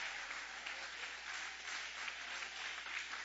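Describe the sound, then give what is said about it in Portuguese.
A church audience applauds after a Bible reading, in a steady, dense wash of clapping that holds at an even, moderately loud level throughout, with no voices standing out. “Guarda a sua Bíblia com carinho e podem aplaudir, podem adorar, podem exaltar.”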